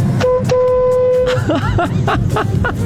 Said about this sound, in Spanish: estoy afuera. ¿Querés que toque bocina? Toco.